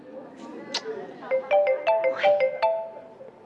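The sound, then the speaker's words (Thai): A phone ringtone plays a quick melody of short, bright electronic notes in a repeating pattern, fairly loud over a soft background hiss. “ตอนนั้นก็กะว่าจะไม่รับคิดว่าจะดัดนิสัยคนใจร้อนเจ้าอารมณ์ซะหน่อย”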